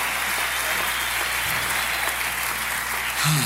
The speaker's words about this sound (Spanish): Si ese aplauso es para nosotros, está bien, pero si es para él, tiene que dárselo más fuerte.